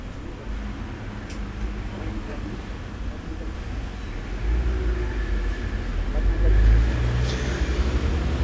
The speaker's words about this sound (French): Passe un camion de porc en gros aux viandes dionysiennes.